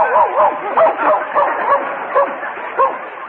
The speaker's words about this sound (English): Yes, when I work late at night, I bring him along for protection. He's a wonderful watchdog. All you have to do is wake him up and he barks like everything.